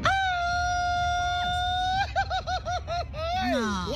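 traditional Mexican grito shout

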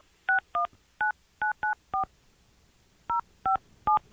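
telephone dialing tones

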